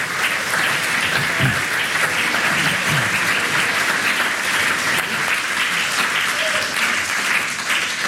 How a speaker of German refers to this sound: Applaus von mir. Merci vielmals, sind ein super Publikum.